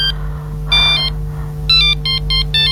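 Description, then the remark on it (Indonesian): A phone ringtone chirps in bright, repeating electronic bursts, one short pattern then a quick series of rapid beeps, over a steady low background hum. “Telepon siapa tuh yang bunyi?”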